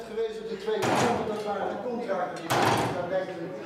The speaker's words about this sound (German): Sekunde um Sekunde wie Hammerschläge. Das Uhrwerk, alte analoge Technik, aber präzise und mit dem Glockenspiel verbunden, das zu festen Zeiten erklingt.